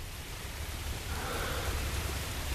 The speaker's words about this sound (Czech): Ke všemu začíná pršet.